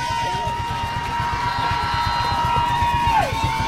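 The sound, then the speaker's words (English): A dense roar of a large stadium crowd at a high school football game fills the space, steady and loud, swelling slightly toward the end on a third-down play, with a faint rhythmic thumping underneath and indistinct voices mixed in. “Crowd getting loud.”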